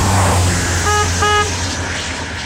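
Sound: car horn honking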